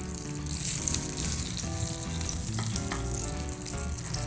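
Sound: food sizzling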